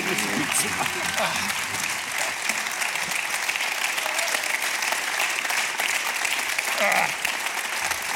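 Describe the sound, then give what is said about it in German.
Steady audience applause for Hans Bürger at a live show in Linz fills the whole stretch, a dense, even wash of many hands clapping at a constant loudness, with faint voices occasionally rising underneath. “Applaus, Hans Bürger.”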